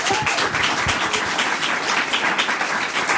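An audience applauds steadily, a dense wash of many hands clapping at a fairly loud, even level throughout, with no voices breaking through.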